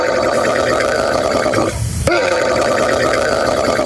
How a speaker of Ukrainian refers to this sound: І ні, це не машина, яка не заводиться, це жирафа. Такий звук вона відтворює.